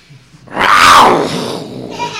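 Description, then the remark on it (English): A man's voice imitates the growl of an angry dog whose steak is being taken away: a single loud, rough, snarling burst lasting about a second before trailing off into a quieter rasp. “It's what happens to you when you try and take the dog's steak away.”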